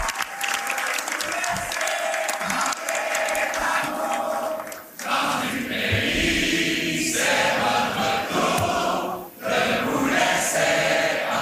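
A large crowd sings together in unison, a sustained wash of many voices mixed with clapping and cheering that stays loud throughout, with brief dips before surging again.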